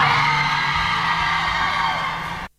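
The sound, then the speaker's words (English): A crowd of women shrieks in a loud, sustained, high-pitched chorus of screams, holding steady for over two seconds before cutting off abruptly. “There we go, the screams of women for the most performative males there.”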